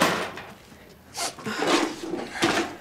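Tools clatter and knock as they are gathered up and packed away, a few hard wooden and metallic bumps in quick succession with brief pauses between, no one speaking.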